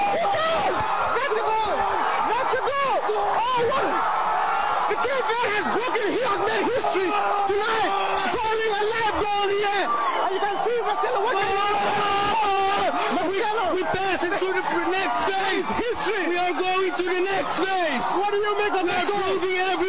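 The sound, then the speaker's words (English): A crowd in Cape Verde roars and cheers at full volume after their team scored its first ever World Cup goal, many voices shouting and whooping together in a dense, sustained wall of sound that keeps surging for the whole stretch. “And listen to the crowd.”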